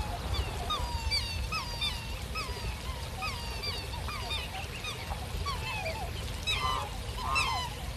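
A black swan parent bird calls over and over, short bugling honks repeating steadily as it follows behind a man, set against a constant low rumble of outdoor background noise.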